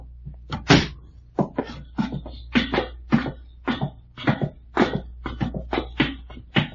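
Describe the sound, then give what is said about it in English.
A basement door is pulled shut amid a run of sharp knocks, thumps and rattles, about a dozen uneven bursts over several seconds, with a low steady hum underneath and no talking. “All right, pull the door to and come on.”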